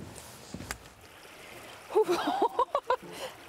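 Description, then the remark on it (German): Several splashes in a quick, uneven rhythm as someone wades across the cold Bode river, over a steady background of rushing water. “Hier überqueren wir zum ersten Mal die Bode.”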